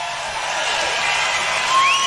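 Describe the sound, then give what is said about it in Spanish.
Supporters at a Donald Trump rally applaud and cheer in a dense, steady wash of clapping, with a high whistle rising briefly near the end. “Eso les dice Trump a sus seguidores y los seguidores aplauden.”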